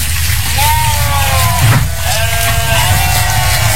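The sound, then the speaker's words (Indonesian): A goat bleats in a wavering, drawn-out cry, followed by a second bleat, over a steady low background rumble. “Dipinjemi, tapi tak buat beli kambing gitu nah. Kambing.”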